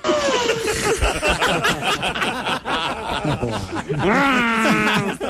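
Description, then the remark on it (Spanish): A voice imitates a sheep's bleat, drawing out a shaky, quavering "baa" with wobbling pitch, followed by a higher, rising bleat near the end, with a hint of snickering. “Ma, ¿cómo hacen las ovejas?”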